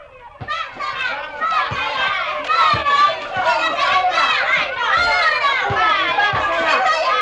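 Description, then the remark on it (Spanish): A crowd of children shout and chatter excitedly outdoors while playing football on a small field on a sunny morning, with dull thumps of the ball being kicked scattered irregularly beneath the steady, lively clamor of young voices. “Del espectáculo de los niños jugando al fútbol en el campito.”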